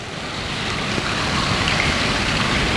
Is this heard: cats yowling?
no